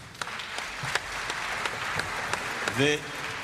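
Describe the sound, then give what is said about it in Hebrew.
An audience applauds steadily, a dense wash of many clapping hands with sharper individual claps standing out, and a brief voice cuts through near the end. “מחיאות הכפיים הם לכם.”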